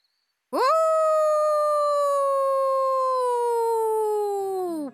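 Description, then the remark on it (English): A single long, loud howl at the moon rises quickly to a steady pitch, then holds for several seconds while slowly sagging lower before fading out, heard alone without talking. “Why are you howling at the moon, Noisy Albert?”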